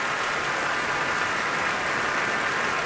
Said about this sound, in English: I don't think they're going to let her go yet. The applause continues, the stamping of the feet on the floor. And here she comes once again.